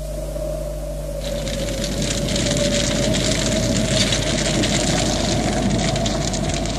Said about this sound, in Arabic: دي معجزة عظيمة حصلت لواحد في مطاي، كان بيحرق عفش القصب وكان الهوا جامد قوي.